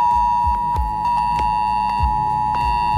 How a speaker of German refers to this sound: Heute ist Warntag. Das bedeutet nicht, dass es einen internationalen Feiertag gibt, an dem die Warnung gefeiert wird, sondern ihr werdet gewarnt. Um 11 Uhr könnt ihr euch auf ein schrilles Handyklingeln gefasst machen. Das klingt in etwa so.